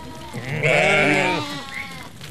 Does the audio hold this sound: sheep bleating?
yes